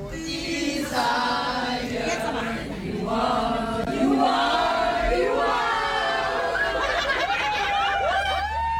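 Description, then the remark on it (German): Excited concert fans crowded in a tram in Düsseldorf on the way to a concert shriek, cheer and laugh together, high squealing voices rising and overlapping continuously, with a low rumble of the tram underneath. “So klingt das direkt aus Düsseldorf, aus der Straßenbahn.”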